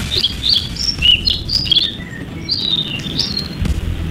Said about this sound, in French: Oui, c'est un oiseau. Est-ce que tu es sûr que c'est un oiseau? Peut-être un bébé oiseau, mais. Ouais. Ça reste un oiseau.